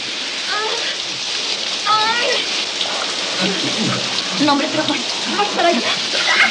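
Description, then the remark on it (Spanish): Shower water sprays in a steady hiss that runs the whole time, falling on a person's face, while a voice speaks over the rushing water. “El agua le cae en la cara.”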